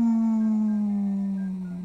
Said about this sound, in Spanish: Se la pasó aullando a la luna.